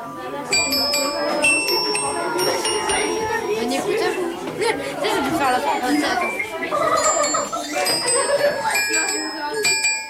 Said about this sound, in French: Avec le professeur de musique, les élèves ont fait tinter les carillons.